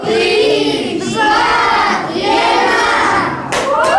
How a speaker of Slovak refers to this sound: 3, 2, 1. Takéto nadšenie zavládlo v útorok pri slávnostnom prestrihávaní pásky medzi desiatkami detí a rodičov, ktorí prišli na slávnostné otvorenie tohto informačného centra, ako sa uvádza pri vstupe.